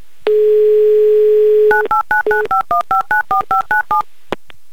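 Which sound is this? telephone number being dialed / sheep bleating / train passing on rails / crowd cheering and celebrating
telephone number being dialed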